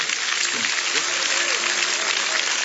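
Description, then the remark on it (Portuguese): A church audience claps for Christ during a service, a continuous, dense, steady wash of applause, with faint voices and a few cheers rising through the clapping. “Vamos receber o aplauso para Cristo.”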